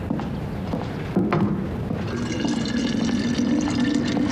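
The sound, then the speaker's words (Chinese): Water pours steadily into a kettle or container to be boiled, a continuous splashing gurgle whose tone rises as the vessel fills. No one speaks. “师娘， 哎， 烧水呢？”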